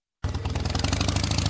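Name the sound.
motorcycle engine running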